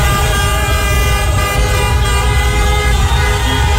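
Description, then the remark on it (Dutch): A dense chorus of car horns blares continuously in a street in Rotterdam, as Cape Verdeans celebrate a 2-2 World Cup draw against Uruguay; several overlapping toots held long and loud over a low rumble of traffic, with no pause throughout. “Dus getoeter in Rotterdam.”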